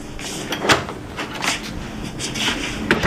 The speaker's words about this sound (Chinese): 刚关上门